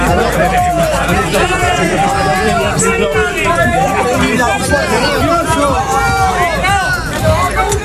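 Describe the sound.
A large crowd boos and jeers outside a theatre after the Day of Ceuta institutional ceremony, many voices overlapping in a loud, continuous roar of rising and falling shouts that never lets up for the whole stretch.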